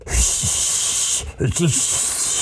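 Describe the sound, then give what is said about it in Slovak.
A failed attempt at whistling: a steady, breathy hiss of air with no clear tone, broken briefly midway and joined by a few short, low voiced grunts. “Brbtík, vieš pískať?”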